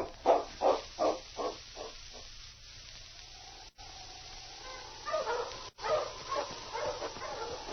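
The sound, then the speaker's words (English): Several dogs, being gathered to follow a trail, bark in a quick run of sharp yaps, then a thin whine drifts in before another burst of excited barking. Moderately loud, with no talking. “We'll get the dogs and start on this trail.”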